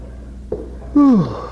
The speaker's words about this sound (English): Well, you're relieved of duty, and from the size of that yawn, I'd suggest you hit the sack.